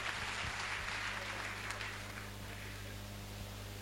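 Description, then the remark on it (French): An audience applauds itself in a steady, dense wash of clapping that holds at an even, fairly soft level for the whole few seconds, with a low electrical hum underneath. “Si c'est vrai, vous pouvez vous applaudir pour le samedi.”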